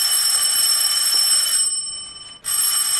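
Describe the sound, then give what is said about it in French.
A telephone rings with a shrill, continuous bell-like trill, breaks off for under a second, then starts ringing again. No one speaks. “Téléphone! Je vais répondre à sa place.”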